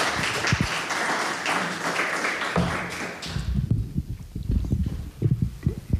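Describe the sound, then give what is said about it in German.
An audience claps in a dense, steady burst of applause for about three seconds, then it thins out into scattered low thumps and a few stray taps. “Und die dürft auch schon mal für ihn klatschen.”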